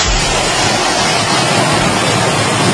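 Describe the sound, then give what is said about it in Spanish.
A steady, loud roar of rushing flood water carrying hailstones during strong storms in Nerpio, Albacete province, Spain. It is a dense hiss and churn that stays constant for the whole few seconds, with no voices over it. “La riada en forma de bolas de granizo, imagen en concreto desde Nerpio, la provincia de Albacete”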